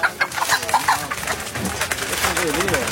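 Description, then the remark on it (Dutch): Chickens cluck and squawk in short, irregular bursts amid a busy, noisy market, with voices talking faintly throughout. “Maar ik zie hier een paar prachtige kippen die ik met mijn zilver wil kopen.”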